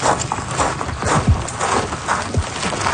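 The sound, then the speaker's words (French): Rocks clatter and knock as they tumble, a run of irregular hard impacts over a steady outdoor hiss. “vous entendez des roches tomber.”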